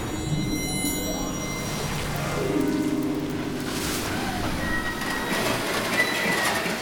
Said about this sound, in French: Elles font un drôle de bruit, ces mouettes. C'est pas des mouettes, regardez, ce sont des machines qui sont en train d'extraire le sable. Quel chaos, il y a des tractopelles qui creusent des trous immenses.